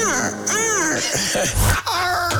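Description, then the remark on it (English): A human voice mimics bird calls while reading a fake commercial script with bird noises for the Hawks: a loud string of warbling, squawking cries that bend up and down in pitch, with a brief breathy burst before a final high, wavering call. “So we slipped in a fake script with some bird noises.”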